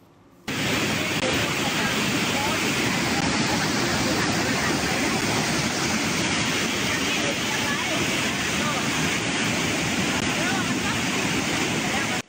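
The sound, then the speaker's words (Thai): A steady, loud roar of rushing, coloured floodwater under heavy rain in Pua, Nan, a dense hiss that starts abruptly after a brief quiet moment and holds unbroken to the end. “ถูกต้องแล้วเจอน้ำสีแบบนี้น้ำมันมาแล้วเจอฝนตกแบบนี้เขาก็กังวลไง”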